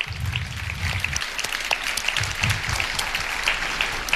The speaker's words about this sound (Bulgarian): Победителя ще обяви господин Кирил Вълчев, генерален директор на Българска телеграфна агенция. Аплодисменти!